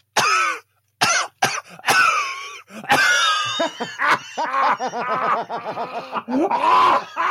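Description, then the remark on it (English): A voice imitates a father's smoker's hacking cough: a burst of harsh, rasping coughs that give way to wheezy, sputtering gasps, loud, with no words spoken. The father smoked Winston cigarettes. “do your dad, if it won't cause you to snap a rib, do your dad's coughing again, because that was really impressive.”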